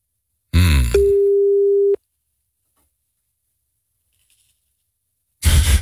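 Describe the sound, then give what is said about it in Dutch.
An outgoing call's ringback tone, placed by a 3FM radio host calling the show's weekend wine adviser: one steady, mid-pitched beep lasting about a second, then a long silent pause. A brief burst of noise comes just before the tone, and more noise follows at the end. “Goedemorgen, ik was je net aan het bellen.”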